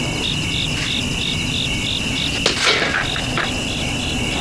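A thin, high insect buzz of a mosquito drones steadily throughout while someone tries to swat it, with a brief sharp knock breaking in partway through; no one speaks.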